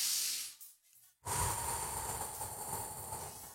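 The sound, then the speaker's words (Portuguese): A deep, loud breath: a short rushing inhale, a brief pause, then a long, airy exhale that trails on for a couple of seconds. No talking. “Respirando fundo, vamos lá, vamos aproveitar esse feriadão.”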